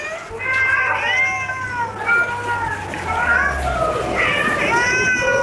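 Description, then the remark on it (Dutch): Several cats meow and yowl over one another in a continuous, overlapping chorus, fairly loud, with a low steady hum running underneath for part of the time, evoking the first official cat show, held at the Crystal Palace in London in 1871. “Ja, zo klonk dat dus ongeveer.”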